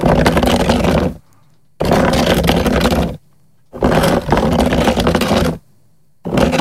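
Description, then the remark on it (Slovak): A plastic chair is pushed across a concrete terrace in four loud, harsh scrapes, each grinding and rasping for over a second, separated by brief silent pauses; no one speaks. “No, tak takto nejako to znie, keď posúvame niekde po terase, po betóne tú plastovú stoličku.”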